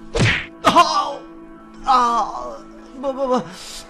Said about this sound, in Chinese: 秋生使了一个眼色，壮汉又沉重的一拳落下。